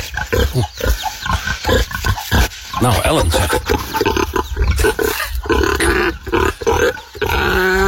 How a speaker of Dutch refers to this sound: Als de varkens die eten krijgen. En ze vinden dat fijn zo te horen. Ze genieten ervan met volle teugen.